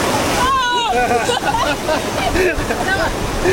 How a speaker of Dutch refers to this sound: De golf blijkt groter dan verwacht en overspoelt hen allebei.